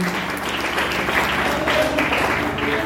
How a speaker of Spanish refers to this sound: Y a su nombre, dale una ofrenda de palmas al Señor con todo su corazón.